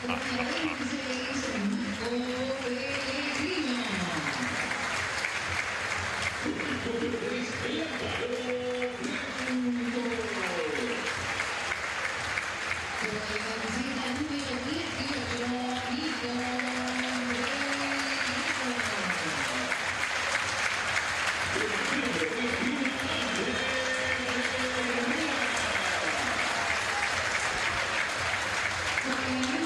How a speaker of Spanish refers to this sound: Por escándalo el más aplaudido.